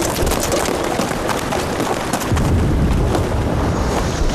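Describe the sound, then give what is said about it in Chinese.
Artillery shell explosions coming from the north rumble in a dense, continuous barrage, with a heavier, deeper surge of booming about halfway through. No voices, just loud, rolling blasts filling the whole stretch. “炮声是从北边打过来的，难道敌人绕到我们后边去了？”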